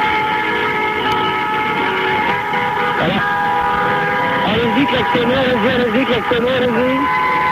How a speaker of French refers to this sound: Allez-y, klaxonnez, encore un peu, encore. Allez-y, on fait dans sa gueule, allez-y. Alors, ça fait du bruit quand même, hein, Paris la nuit, hein.